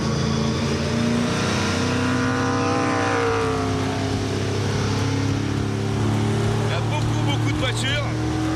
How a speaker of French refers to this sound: Et les premières sensations, c'est quel pied ce moteur quoi. Bon V8 hein. Un V8 qui prend 7500 tours. Oh la vache. Oh le son. C'est juste exceptionnel. J'adore.